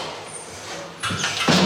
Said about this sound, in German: Ups, das ist die Tür.